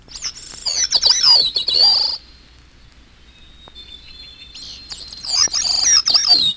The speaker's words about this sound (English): Gray-cheeked thrush.